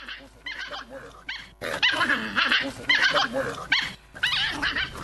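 A dog barks and yelps repeatedly in uneven bursts, its high, wavering cries rising and falling across a few seconds with short pauses between them.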